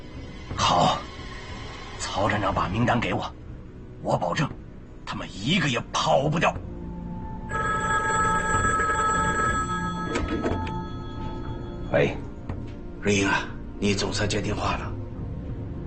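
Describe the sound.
A telephone bell rings loudly and steadily for a few seconds in the middle, with brief voices and clattering movement before and after it.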